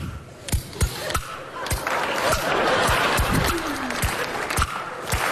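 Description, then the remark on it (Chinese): Audience applause and laughter rise into a dense, steady wash of clapping in the middle, while sharp, evenly spaced wooden clacks of kuaiban bamboo clappers, played by a performer on stage, ring out over it throughout. “看我的，哎，我一打板，观众报以热烈的掌声。”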